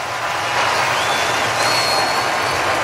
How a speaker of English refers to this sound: A much-deserved standing ovation for Christopher Sanchez.